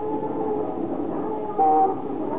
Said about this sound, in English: Even in the sounds, the wild cacophony of horns and motors and the clanging streetcar bells, interspersed with the clop of horses' hooves or the creaky rumble of an ox-drawn cart.